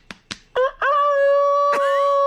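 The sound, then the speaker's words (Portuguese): Two quick sharp slaps, then a person loudly mimics a rooster's crow: a short rising call breaking into one long, sustained, strained note that holds to the end. “Porque o galo, quando vai cantar, ele não bate as asas?”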